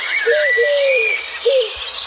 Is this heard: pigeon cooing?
yes